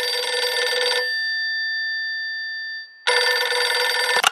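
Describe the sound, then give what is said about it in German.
An old-fashioned telephone bell rings loudly in two long bursts of rapid metallic clattering, separated by a ringing tone that lingers and fades before the second burst starts. “Sein Telefon klingelt.”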